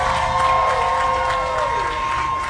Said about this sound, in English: Oh, y'all give a big round of applause.